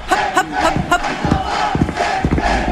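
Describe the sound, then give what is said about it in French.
A large festival crowd roars and shouts in unison, chanting the band's name in loud, rhythmic bursts over a steady wash of cheering voices, as the band waits to go on stage. “Je crois qu'ils gueulent nos blazes, la scène base.”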